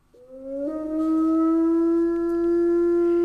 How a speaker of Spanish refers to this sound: Estos son Aullidos del Lobo.